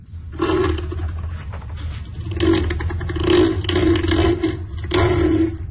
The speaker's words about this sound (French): c'est la voix, plutôt le cri de Neil, un éléphant de mer de 1000 kilos